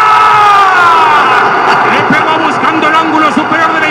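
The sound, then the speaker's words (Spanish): A loud football crowd at the Estadio Ciudad de México roars in a dense wall of overlapping shouts. It surges early as a shot is struck, then wavers and eases slightly as the cry falls short of full celebration. “Se ahoga el grito en el estadio Ciudad de México.”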